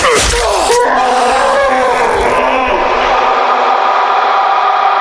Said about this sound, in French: Le hurlement du Minotaure résonna longuement à travers tous les couloirs du labyrinthe.